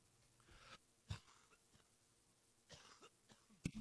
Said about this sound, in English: Cough right there, guys. Sorry for that.